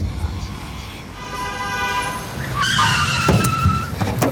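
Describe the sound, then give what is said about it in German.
A car in Berlin roars up with a shrill, sustained squeal of tires over a low engine rumble, the screech swelling loudly for a second or two as it passes, nearly running someone over. “Pass doch auf, du Idiot. Du hättest mich fast überfahren. Ich dachte, es gibt schon längst keine Autos mehr in Berlin.”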